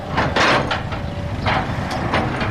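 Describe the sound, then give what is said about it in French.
A backhoe works at a road construction site in Kafr Aqab, on the outskirts of Jerusalem, building a road: a steady low engine rumble runs throughout, broken by several loud, harsh bursts of scraping and clattering at uneven intervals, with no voices. “À Kafr Aqab, en banlieue de Jérusalem, un tractopelle s'active.”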